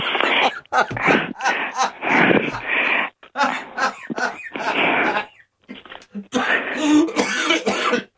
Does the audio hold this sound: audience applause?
no